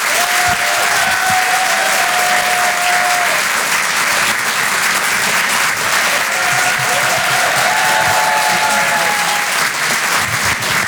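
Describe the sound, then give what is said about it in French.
Loud, sustained applause from a large audience for Edgar Yves fills the whole clip, a dense steady clatter of clapping with faint whistles and cheers rising above it. “Faites un maximum de bruit, s'il vous plaît, pour Monsieur Edgar Yves.”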